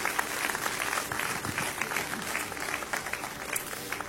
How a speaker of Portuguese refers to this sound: Podem tomar os seus lugares e exaltem o nome do Senhor Jesus com as suas palmas. Glória a Deus.